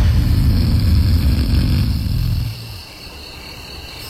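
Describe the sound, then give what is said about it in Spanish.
A man's loud, deep snore rattles and rasps for about two and a half seconds, a rough rumbling drone that then drops off into quiet breathing-like hiss. “Por eso mi esposa no tardó en hartarse de mis ronquidos.”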